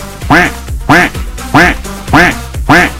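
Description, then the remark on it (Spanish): A car horn modified to quack like a duck honks five times in a steady, evenly spaced rhythm, each nasal, duck-like blast loud and buzzy with a slight downward bend in pitch. “¿Cómo sonaría de claxon el cuenc? Imagínate nada más estar echando claxon en pleno bulevar o en plena calle, carretera.”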